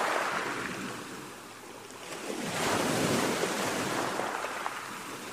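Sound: water waves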